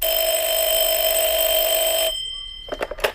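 A telephone rings in the office of a VB (public security) officer with a steady, loud electronic tone for about two seconds, then cuts off. A brief voice follows at the very end.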